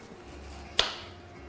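A single crisp knife cut slices a thin round from a peeled tomato and ends in a sharp tap on the cutting board, with a brief hissy tail fading out. No one speaks; only a low steady hum sits underneath.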